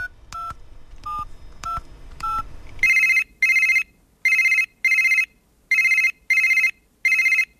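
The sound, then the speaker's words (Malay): A quick run of about five short keypad beeps is followed by a ringback tone pulsing in steady bursts, seven or eight rings, clear with no talking, as a phone call is placed to a business owner from Warung 35 in Shah Alam. “Ha, di hujung talian telefon sekarang ini, kita ada seorang pengusaha yang hebat”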